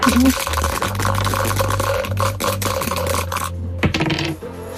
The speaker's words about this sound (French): Vous lancez les dés, vous donnez le top, c'est parti.